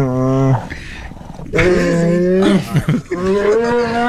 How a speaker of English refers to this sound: This is the bear when we tried to take his marshmallow treats away, and he gives us like two little warning growls, and then the third one, we quickly gave him his marshmallow treat because he was attacked. Listen to this.